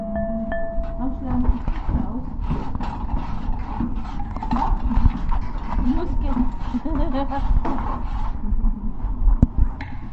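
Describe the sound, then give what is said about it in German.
Rapid, irregular clicks of typing on a computer keyboard run steadily for about ten seconds, with a low murmur of voices underneath. “Die Tastatur.”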